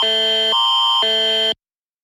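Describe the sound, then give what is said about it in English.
A loud, harsh electronic alert tone of Canada's National Public Alerting System, alternating between two pitches in half-second steps, high-low-high, then cutting off abruptly into silence, ahead of a tornado warning for south-central Manitoba. No voices accompany it. “The following is a message from the Canadian National Public Alerting System. Beep.”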